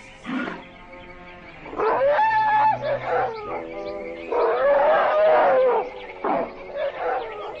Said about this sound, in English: whole herds of playful Indian elephants migrate here to bathe. Watch out for some wet surprises from those big shots. And the little ones, too. They're playful little squirts.